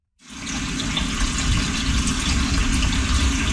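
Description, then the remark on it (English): Water rushes steadily from a tap into a cooking pot, to be boiled with salt for making cornbread in Ganawage territory just outside Montreal, starting abruptly after a brief moment of silence and continuing as an even, drumming pour with no voices. “First thing of all, we're going to boil the water 3/4 of a way with a little pinch of salt on high until it boils, okay?”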